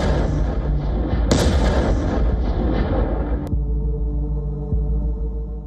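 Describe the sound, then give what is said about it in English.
A loud, booming explosion of a Soviet-era FAB-3000 bomb, weighing around 3 tons and used by Russia, rolls out as a heavy, sustained rumble with a sharper crack partway through, then cuts off abruptly, leaving a low, throbbing drone behind. “The explosion comes first, then the dust swallows everything.”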